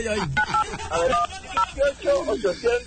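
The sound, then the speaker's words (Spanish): A handful of short phone keypad dialing beeps sound in an uneven sequence, clear, as a phone number is dialed, while people talk over and between the tones. “Ya está digitando.”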